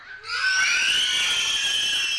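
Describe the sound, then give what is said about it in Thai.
A team of girls in a game shouts and screams together at high pitch when a teacher asks for their voices, a loud sustained cheer that bursts in after a brief quiet moment and holds steady for about two seconds. “ต่อไปค่ะทีมที่2เป็นทีมเด็กผู้หญิงค่ะขอเสียงเด็กผู้หญิงหน่อยค่ะ”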